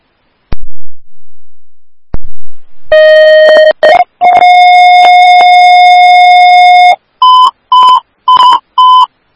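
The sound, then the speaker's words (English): Emergency dispatch paging tones for Woodbury Station 1AF, sent for an unknown medical call with ALS response at 9332 Parkside: after two sharp clicks, a loud steady tone sounds, then a slightly higher long tone, followed by five short, evenly spaced higher beeps. No voices. “Woodbury Station 1AF, these are your tones for 9332, Parkside Echo, Woodbury Ambulance 1 en route at 1422 for an unknown med, ALS response.”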